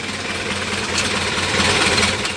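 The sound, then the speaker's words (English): A Model A coupe engine idles steadily, a low, even rumble with a faint rhythmic throb under a broad hiss, swelling slightly louder midway with no voices. “Back in those days, I drove a Model A coupe, and it was quite a car.”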